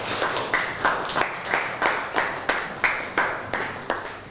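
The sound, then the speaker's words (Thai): A group of students in a classroom claps together for a classmate who has just presented, in a steady, even rhythm, roughly three claps per second, moderately loud, with no talking over it. “นั่งลงครับปรบมือให้กับเพื่อนหน่อย”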